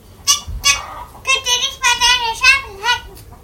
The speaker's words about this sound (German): Aufwachen! Schnell, es wird ja schon hell. Sein Kikeriki schallt über den ganzen Hof. Die Langschläfer finden das ziemlich doof.